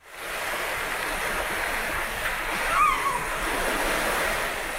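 Steady ocean surf at the seaside, a continuous wash of breaking waves at moderate loudness, with a faint brief chirp near the middle and no one talking.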